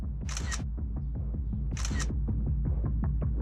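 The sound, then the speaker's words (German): Two crisp camera shutter clicks from a drone's zoom camera taking photos from high up, about a second and a half apart, clear over the drone's steady, loud mechanical whirring hum that runs throughout. “Ich kann auch ein paar Fotos machen aus der Höhe.”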